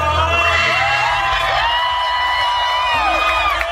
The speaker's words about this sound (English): and the crowd seems to be mocking and laughing at it.